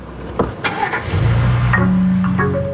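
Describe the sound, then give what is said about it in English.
A car engine cranks with a few sharp mechanical clicks and whirs, then catches and settles into a loud, steady low idle rumble with a faint tonal hum. “Once in that start inhibit mode, the car won't turn on for anyone.”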